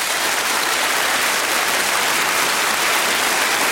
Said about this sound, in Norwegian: jeg tenker at han fortjener vel litt applaus. Skal vi ikke kjøre på litt?